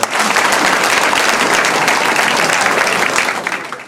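A crowd applauds steadily, dense overlapping claps at a loud, even level for a few seconds before easing slightly at the end.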